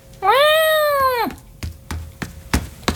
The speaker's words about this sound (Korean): 어깨 위로 올라온 도련님이 큰 소리로 야옹거렸다.